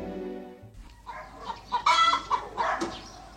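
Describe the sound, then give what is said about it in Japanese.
A live chicken clucks in a series of short, agitated bursts that grow louder and busier toward the end, with a brief tonal hum fading out at the start. “私は生まれて初めて説教のお礼に生きた鶏をいただいたよ。”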